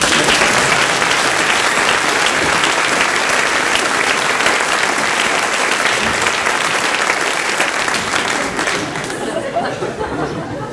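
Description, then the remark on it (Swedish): Steady, loud audience applause, a dense crackle of many hands clapping at once, with faint crowd murmur beneath; it holds strong for about nine seconds before thinning out at the end. “Applåd.”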